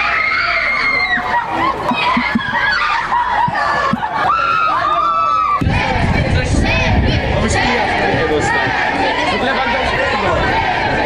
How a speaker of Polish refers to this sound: Na biało-czerwonych czekał tłum kibiców, a największe emocje wzbudzał oczywiście nasz kapitan Robert Lewandowski.